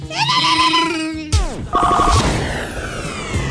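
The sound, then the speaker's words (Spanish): A loud, warbling telephone ring sounds in harsh electronic bursts, broken midway by a sudden swooping clatter before the trilling ring resumes and fades into noisy chatter. “Deja que timbre, güey.”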